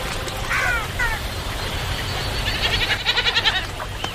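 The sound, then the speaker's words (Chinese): A wild goat bleats at a river where wild goats come to drink: two short wavering calls, then a longer, rapidly pulsing bleat, moderately loud over a low outdoor rumble. “丰盈的河流不仅滋养了鹈鹕，野山羊等其他动物也会时常来到这里饮水。”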